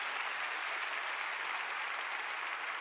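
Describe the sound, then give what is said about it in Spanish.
Steady crowd applause given to the Lord and his word fills the whole moment, a dense, even wash of many hands clapping at once with no voices rising above it. “Dale un fuerte aplauso al Señor y su palabra.”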